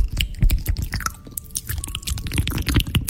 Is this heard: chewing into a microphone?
yes